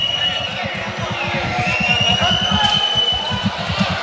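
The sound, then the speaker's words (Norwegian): A large crowd in Terningen Arena whistles in protest during a game, filling the space with dense, sustained noise, with thin high whistles cutting through above a rumbling, pulsing low roar of voices. “Til piping som dere hører her I Terningen Arena.”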